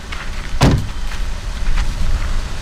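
A band unloading musical instruments and equipment from a fully packed car under a high sun, at an old sawmill on Gotland in summer 2003: one solid thump like a door or hatch near the start, then faint shuffling and light knocks over a low, steady outdoor rumble.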